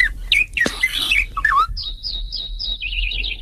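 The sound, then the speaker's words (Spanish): Several songbirds sing at once in a busy, overlapping chorus, including the mellow fluting voice of a blackbird, followed by a sustained run of high, rapid trilling. No one speaks. “Son varios. Hay varios. Hay un mirlo también.”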